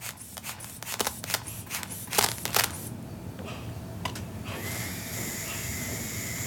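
A blood pressure cuff is strapped around a child's arm and inflated like a balloon: a burst of crackly ripping and rustling, then a steady, even whirring hiss that runs on without pause to the end.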